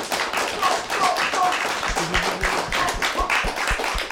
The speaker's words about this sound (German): Also herzlich willkommen und einmal einen großen Applaus. Yeah!